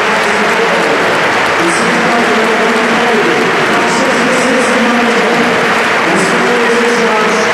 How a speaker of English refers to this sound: As we just take a moment's applause here.